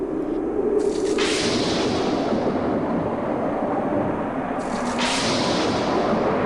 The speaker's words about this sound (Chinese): 然而，当诺亚的方舟就要造好时，大地突然风云变色，雷声大作。